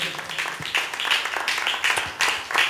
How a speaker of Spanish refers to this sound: Si usted cree, hermano, en Cristo Jesús, démosle palmas a él, hermano, porque esta palabra, hermano, es poderosa.